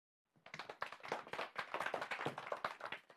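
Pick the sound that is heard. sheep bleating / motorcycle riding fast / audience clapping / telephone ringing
audience clapping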